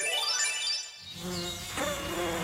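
A mosquito's thin, high-pitched whine buzzes steadily, its pitch sliding up and down as it hovers, with a lower droning hum joining partway through; no voices.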